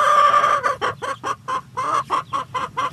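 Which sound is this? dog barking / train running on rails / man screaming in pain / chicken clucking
chicken clucking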